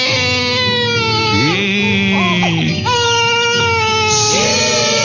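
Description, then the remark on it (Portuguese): A baby who has just woken up cries loudly, one long unbroken wail that rises and falls in pitch, with a few shaky, sobbing breaks in between. No one is speaking. “Ó, o bebê acordou, vamos acordar, bebê.”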